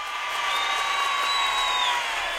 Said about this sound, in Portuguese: Palmas pra ela, palmas. Não, mais palmas.